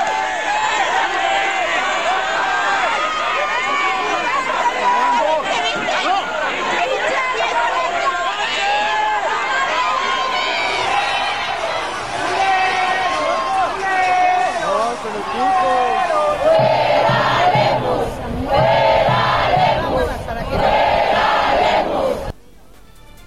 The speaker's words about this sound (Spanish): Así se escucharon las protestas en la calle.